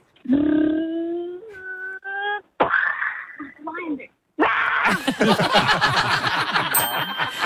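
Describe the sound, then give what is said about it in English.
A six-year-old child's voice imitates a lion involved in a car crash, starting with sustained growling tones, then breaking into loud, noisy mouth-made crashing and screeching sounds that fill the last few seconds, energetic. “can you please be a lion that's involved in a car crash?”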